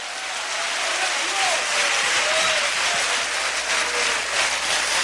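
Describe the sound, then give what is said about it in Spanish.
Sustained applause to Christ from a large crowd, a dense, steady wash of clapping that stays loud for the whole stretch, with faint voices calling out underneath. “Fuerte ese aplauso a Cristo.”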